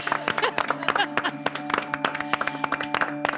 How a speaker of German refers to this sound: Also da würde ich mal sagen, ist ein Applaus wert, oder?